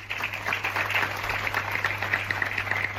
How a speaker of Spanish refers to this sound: Son los aplausos de la ciudadanía de San Vicente tras ese silencio y tras la lectura de un manifiesto por parte del alcalde en la subdelegación del gobierno.